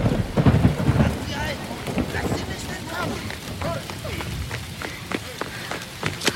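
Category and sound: nature, rain and thunderstorm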